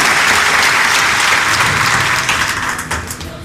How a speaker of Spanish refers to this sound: Esta es la parte del saludo a la gente que está de cumpleaños. Una bendición especial a la selección de futsal del Colegio María Auxiliadora. Felicidades, bendiciones, un aplauso para ti.